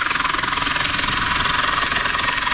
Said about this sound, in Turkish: Denizde mahsur kalan iki kişi helikopterle kurtarıldı.